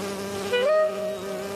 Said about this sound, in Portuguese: tem certeza de que a abelha não tava batendo as asas só pra poder voar? Não, ela tava cheirando.